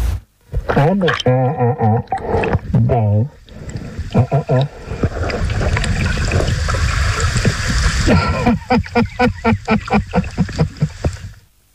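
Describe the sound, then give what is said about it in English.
A wild sea lion pup growls softly underwater in wavering, moaning bursts near Hillarys as it is told to stop chewing a diver's flippers and camera, followed by a rush of bubbling water and a quick series of rhythmic pulsing grunts. “filming the playful pup near Hillary's as it chewed his flippers and camera, giving a gentle growl when it was time to stop”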